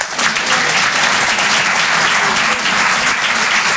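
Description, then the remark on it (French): A comedy show audience claps to vote that a joke is funny, steadily throughout, a dense, loud wash of many hands with no pauses and no voices standing out. “Par applaudissement, qui trouve ça marrant ?”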